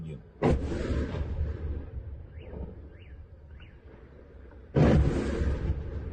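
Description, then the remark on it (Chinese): Two heavy explosions from a drone strike on a warehouse of Russian e-commerce firm Wildberries in an industrial zone of the Republic of Bashkortostan, Russia, boom about four seconds apart, each a sudden loud blast trailing into a low, rolling rumble, with faint chirps audible between them. “路透社13号发布视频称，俄罗斯大型电商平台野莓公司位于巴什科尔托斯坦共和国某工业区的仓库13号遭遇无人机袭击，引发剧烈爆炸。”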